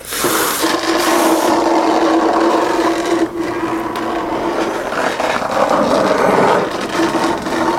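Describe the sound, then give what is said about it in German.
A frog is dragged along the ground into a cave with a steady, loud scraping and rasping that carries on without a break, with no voices. “Deswegen schleift sie ihn weg.”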